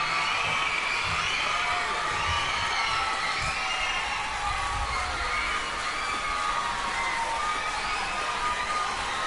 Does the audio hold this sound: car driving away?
no